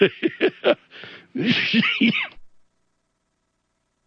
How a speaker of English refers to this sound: Excuse me, that cough is, I'm still battling a bit of a cold, so thank you. My apologies.